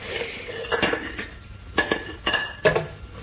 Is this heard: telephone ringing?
no